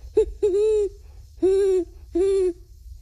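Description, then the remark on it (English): A 12-year-old boy imitates a great horned owl, giving a short hoot followed by three longer, steady hoots, clear, with no other voices. “Great horned owl.”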